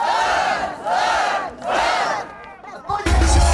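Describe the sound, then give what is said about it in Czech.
A large crowd of over 200 winter swimmers from across Slovakia shouts and cheers in three rising, surging waves of voices as they run into the ice-covered lake Velká Hangocká in a park in Nitra, water at 1 °C, followed by a burst of loud rumbling and splashing at the end. “A přes 200 otužilců z celého Slovenska se rozbíhá do jezera Velká Hangocká v Nitranském parku.”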